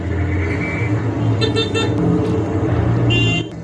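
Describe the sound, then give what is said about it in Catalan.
Several car horns toot in short bursts from cars behind, over a steady rumble of traffic and idling engines, the honks insistent, with no one speaking. “Intentant eixugar l'aigua, a corre-cuita, mentre els cotxes piten al darrere.”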